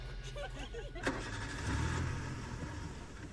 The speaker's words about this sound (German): Ja, da wurde noch ein Auto angelassen, das nehmen wir mal weg.